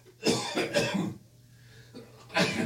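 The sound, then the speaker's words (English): A person with a frog in their throat coughs and clears their throat: a quick burst of harsh coughs, a pause, then another raspy cough near the end, with a low steady hum underneath. “Sneeze, cough. You're doing everything.”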